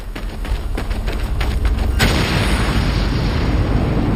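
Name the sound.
ammunition depot explosion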